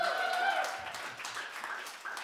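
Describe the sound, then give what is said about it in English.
An audience claps in a steady, dense wash of applause that holds for a couple of seconds, with a brief tonal whoop or cheer rising over it at the start. “Put up your hand if you feel like you need some applause right now.”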